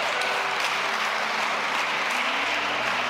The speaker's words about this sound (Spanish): Ya, un aplauso para ella, gracias.